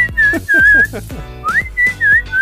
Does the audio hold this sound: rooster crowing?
no